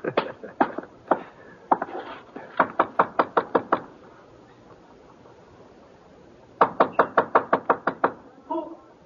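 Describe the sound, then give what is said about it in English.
Sharp, rapid knocking on a door comes in several bursts, a few raps at first, then two longer runs of quick, evenly spaced knocks, loud and crisp against a quiet background. “Who is it?”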